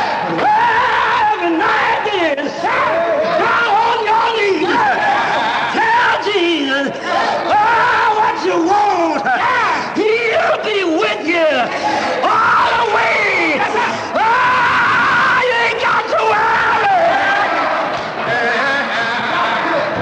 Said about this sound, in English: All right, cheering.